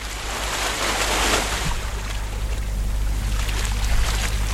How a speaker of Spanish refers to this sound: Mira, ya tenemos el mar y todo. Qué rico.